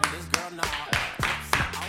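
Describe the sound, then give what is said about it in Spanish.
A few slow, hesitant hand claps, about seven sharp slaps spaced evenly roughly a third of a second apart, with a low murmur of voices underneath. “Aplausos tímidos.”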